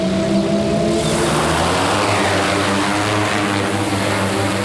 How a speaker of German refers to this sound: Hier in Spielberg über einem Campingplatz startet gerade die Polizeidrohne. In wenigen Sekunden ist sie schon in der Luft und fliegt über das Veranstaltungsgelände.